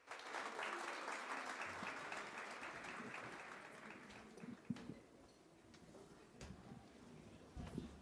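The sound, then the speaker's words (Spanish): An audience bursts into steady, dense applause welcoming the Saya Tambor Mayor group before their Semba, a fertility dance, then gradually thins out, leaving scattered individual claps and a few louder thumps toward the end. “Espero que les guste y recibámoslos con un caluroso aplauso.”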